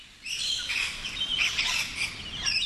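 rainbow lorikeets calling

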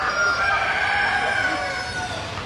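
roosters crowing

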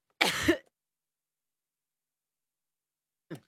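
cough

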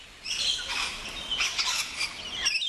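rainbow lorikeets calling

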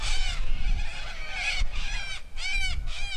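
little corellas calling

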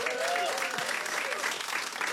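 audience applause

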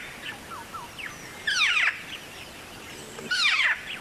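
black-faced cuckoo shrike call

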